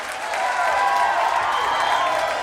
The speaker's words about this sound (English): Now let's give the … a nice round of applause, huh?